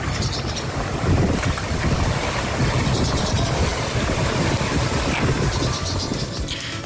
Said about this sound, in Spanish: Lo que ven en lo que escuchan y se ven las imágenes para quienes nos acompañan en YouTube es una alcantarilla que está rebosada, en la que empieza a salirse el agua, aguas negras, en una calle, en una zona turística que es Pozos Colorados